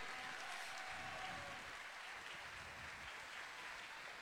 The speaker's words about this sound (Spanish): Más fuerte el aplauso, muchachos. Y que reciben el aplauso y el cariño. Por favor, más fuerte el aplauso. Vengan para acá todos los muchachos de la compañía artística Totoral. Un aplauso grande. ¡Bravo, que se escuche!